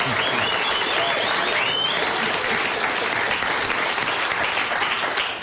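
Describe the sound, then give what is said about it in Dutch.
Sustained applause from a small group in a studio, for a man who earned his doctorate this summer: a dense steady clatter of claps lasting several seconds, with a few whoops and cheers rising over it early on. “We zitten lekker te keuvelen nu, maar we moeten echt even een groot applaus geven...”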